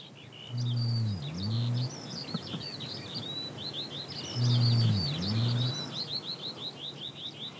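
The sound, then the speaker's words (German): Two deep, booming rhea (Nandu) calls heard in July, each a low resonant two-part boom lasting about a second and a half, rise above a steady backdrop of chirping birds and faint insect buzz. “Zum ersten Mal hören wir deutlich den Nandu-Ruf.”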